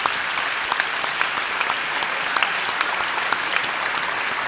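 Steady, dense applause from a sizable audience for a lady, many hands clapping at once with a continuous crackle and no voices standing out, sustained at an even loudness throughout.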